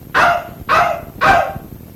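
A dog barks three times in a steady, evenly spaced rhythm, each bark loud with a brief pause between, and no one speaking.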